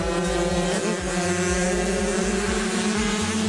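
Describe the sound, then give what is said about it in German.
Fifteen children race 50cc motocross bikes at full throttle on a race track with jumps and hills: a dense, high-pitched buzzing drone with overlapping revving whines that rise and fall continuously, loud throughout with no talking. “So klingt es, wenn 15 Kinder gleichzeitig ihre Rennmaschinen auf Höchstgeschwindigkeit peitschen.”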